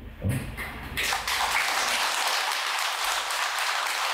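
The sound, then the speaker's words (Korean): An audience at a Buddhist dharma talk breaks into applause after a brief thump, the clapping swelling into a dense, steady wash of many hands that carries on for several seconds. “야, 내가 오늘 여덟 번째 법무인데 여덟 번 만에 처음 나오네 박수 소리가.”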